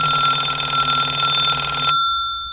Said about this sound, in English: Tony, could you get that? Sure, Pammy. Linda, it's for you. The phone? Oh, thanks, Tony.